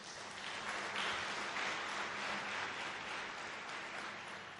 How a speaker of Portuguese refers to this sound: Por isso, peço uma grande salva de palmas.